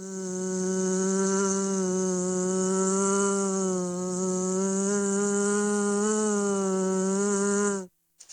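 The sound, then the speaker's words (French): A steady insect buzz drones loudly for about eight seconds, bees humming in one continuous tone with a slight wavering pitch, then cutting off abruptly. No voices. “Alors, on butine ? Imaginons un monde sans abeilles.”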